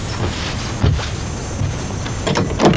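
A door is opened with a few dull clunks and a mechanical rattle, ending in a louder scrape and thud near the end; no voices are heard.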